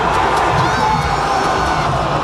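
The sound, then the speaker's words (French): A large crowd of Canadian men's national soccer team fans, gathered at the Canada Soccer house at Harbourfront Centre by the lake in Toronto to watch the match, lets out a loud, sustained collective groan of disappointment, a dense wash of voices with scattered shouts holding steady for a couple of seconds. “on entend la foule déçue rassemblée à la maison de Canada Soccer au centre Harbourfront.”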